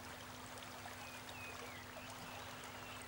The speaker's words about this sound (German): Der Meister fragt: Hörst du das Rauschen des Flusses?